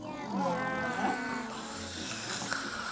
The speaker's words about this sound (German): Jetzt hat sie vorhin da was vom Schnarchen erzählt und dass da Schnarcher im Studio sind. Sind die Schnarcher noch da? Ja.